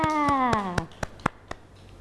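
Children clap in a steady rhythm, about seven sharp claps a quarter second apart. A voice with a falling pitch accompanies the first few, and the later claps sound alone and slightly softer.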